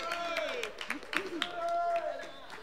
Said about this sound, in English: They've got one last tune for us here today, but before they do that, how about one more round of applause